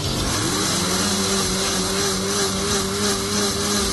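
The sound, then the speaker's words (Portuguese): A blender motor whirs steadily and loudly for the whole stretch as it blends milk, eggs, salt and green seasoning into a smooth cream. Its pitch climbs briefly at the start, then holds a constant drone with a rough, grinding texture. “Bata no liquidificador até ficar um creme homogêneo.”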